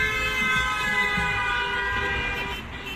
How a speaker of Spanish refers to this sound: la industria automovilística empezó a incorporar bocinas en sus coches para avisar de su presencia y prevenir a peatones distraídos.